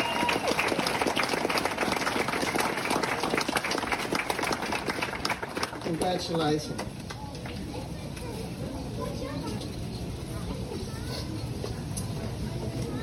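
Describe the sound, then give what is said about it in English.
An audience at a staff ceremony marking the beginning of NAIDOC Week applauds for Kate Adamson with dense, steady clapping for several seconds, then the applause thins and fades into a softer, scattered patter with a murmur of voices. “And the last one can't be here with us today, but can we all clap for Kate Adamson, who's been here?”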